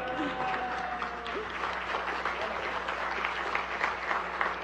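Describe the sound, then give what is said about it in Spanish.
Sustained applause from a crowd for the Noticiero Científico y Cultural Iberoamericano, a dense steady patter of many hands clapping at a fairly even loudness for several seconds, with a faint tonal hum underneath. “Y bueno, al primer lugar, pues obviamente me llena de muchísimo orgullo y quiero que le aplaudan muy, muy fuerte porque es para el Noticiero Científico y Cultural Iberoamericano.”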